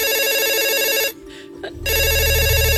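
A telephone ringback tone purrs in two loud bursts separated by a short gap, the classic ringing heard on the line while waiting for someone to pick up a house phone.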